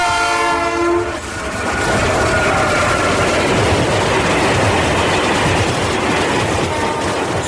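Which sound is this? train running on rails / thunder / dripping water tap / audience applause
train running on rails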